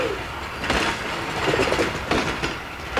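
A steam locomotive rolls along the rails pulling carriages, a steady loud rumble with recurring rhythmic clacks and hissing bursts, with no voices.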